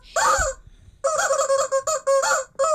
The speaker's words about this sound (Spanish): Tenemos unos gallos nuevos hoy que nos acompañan.